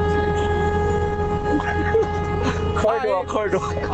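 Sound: car horn honking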